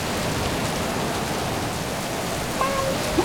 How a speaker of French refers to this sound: On n'entend plus que le bruit de la pluie et du vent.